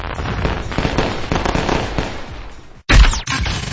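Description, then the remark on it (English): Fireworks crackle and pop in a dense, continuous barrage, then a brief silence gives way to a loud boom with a whistling sweep before the crackling resumes. “Celebrate this once-in-a-lifetime 250 years of freedom with family and fireworks from Discount Fireworks Superstore.”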